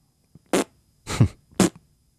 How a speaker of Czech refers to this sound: Pop, ty prdíš jako papardele.